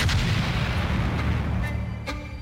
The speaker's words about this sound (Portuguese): 21 de outubro. Uma explosão ecoa pelo Funchal. A origem? A sede da União do Povo da Madeira, na Rua do Castanheiro. São 4:06 da madrugada. O explosivo é atirado de uma viatura em movimento, mas rebenta do lado de fora do muro.